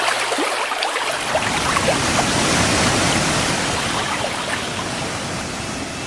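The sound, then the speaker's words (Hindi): A loud, steady roar of a heavy flood torrent rushing down from the mountains as glaciers melt, a dense churning torrent that surges continuously without pause, powerful, with no voices present. “साथियों, पेड़ कटे तो गर्मी बढ़ी, गर्मी बढ़ी तो पर्वतों के ग्लेशियर पिघलने लगे, और फिर पहाड़ों से जल का भारी सैलाब नीचे की ओर आने लगा।”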